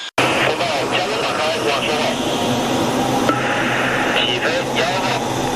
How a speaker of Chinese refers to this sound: 伴随着巨大的引擎轰鸣，两架歼-11B战机依次滑向起飞跑道。